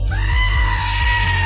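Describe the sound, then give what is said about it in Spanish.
A goat lets out one long, loud, strained scream that holds steady at a piercing pitch, alone, with a low rhythmic thumping beneath it, played as a screaming-goat sound effect on Radio Disney. “Carmen, saludos, ponme a la cabra gritona.”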